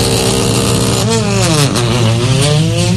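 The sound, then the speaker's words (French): A loud rally car, number 15 in blue and pink colours, revs hard at the start beside the time-control table, its pitch climbing and dipping through the gears as it pulls away, with a steady roar throughout. “C'était le départ”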